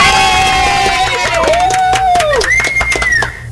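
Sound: crowd shouting and cheering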